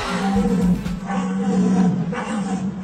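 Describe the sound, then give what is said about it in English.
A human-made deer call blown through a simple horn tool, such as a horn shell or handcrafted device: a low, sustained guttural roar droning steadily for about three seconds with a rough, growling tone that imitates a rutting deer's bellow. “They mimic everything from young deer to dominant males during rutting season.”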